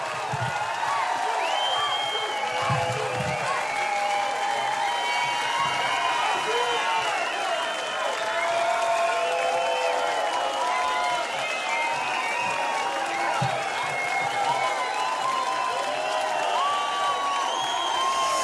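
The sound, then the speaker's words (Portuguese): A concert crowd in Loulé keeps cheering and applauding at the end of the show, a steady wash of clapping, whistles and shouts calling for one more song, loud and sustained throughout. “E ao final, ao que parece, do concerto, ao que parece, porque estamos aqui a ver se ele responde ao pedido da multidão que pede mais uma, não é?”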